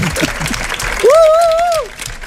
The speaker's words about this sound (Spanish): Insólito también porque es la 1:32 de la madrugada y la plaza está abarrotada. Y porque este aplauso no dedicado a nosotros demuestra que hemos ganado a Bélgica.